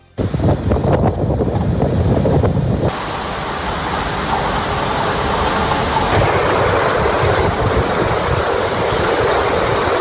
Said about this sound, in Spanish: Son los sonidos del temporal que ha puesto en alerta naranja a las islas por tormentas, fuertes lluvias y rachas de viento que de momento se han cobrado una víctima mortal en Felanitx y que han provocado más de 150 incidentes en las islas.